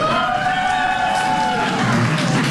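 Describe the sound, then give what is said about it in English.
A large audience claps and cheers together in a steady, loud roar, with voices and whoops rising above the dense wash of applause for a few seconds, answering a show-of-applause survey of who plans on partying all night long tonight. “How many of you plan on partying all night long tonight by a round of applause?”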